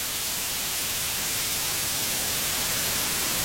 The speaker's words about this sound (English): What are the other colours of noise? Like brown noise.